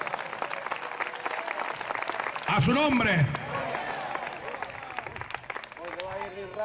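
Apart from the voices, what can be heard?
audience applauding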